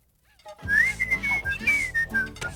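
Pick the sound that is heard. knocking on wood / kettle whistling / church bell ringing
kettle whistling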